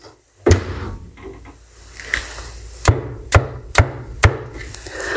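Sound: door being shut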